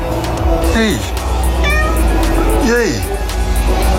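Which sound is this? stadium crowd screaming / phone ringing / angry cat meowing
angry cat meowing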